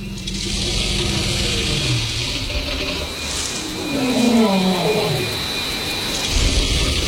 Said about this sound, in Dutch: Ja, we hoorden dat geschraap in de bodem. En dat, hoor je dat knappen? Dat zijn wortels